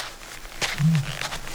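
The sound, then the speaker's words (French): A male ostrich, one of a group of male ostriches calling in turn, gives a short, deep booming call, a low steady hum lasting about a quarter second, just after a brief sharp rustle over faint background noise. “Il y a toute une bande d'autruches mâles qui crient chacun leur tour.”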